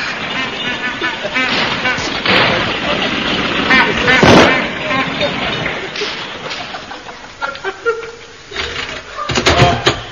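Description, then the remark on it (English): A car engine rumbles and sputters as a chauffeur draws it up outside the door, loud and rough with several sharp backfire-like bursts before settling into an uneven idle. “Hello, the car's ready.”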